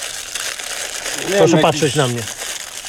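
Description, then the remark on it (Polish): Dry, steady crackling of stiff hair coated with wood varnish and wood stain being rubbed or squeezed runs through the whole clip, with a man's voice speaking briefly over it in the middle. “Tak, brzmią pana włosy.”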